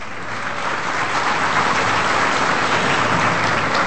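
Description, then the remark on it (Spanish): Steady crowd applause for Dominican Republic government ministers attending an event, a dense wash of many hands clapping together at moderate loudness, building slightly at the start and holding evenly throughout. “Son muchos ministros a los que les agradecemos enormemente estar acá, pero con estos dos caballeros yo quiero saludarlos a todos, darles un aplauso, se lo merecen además.”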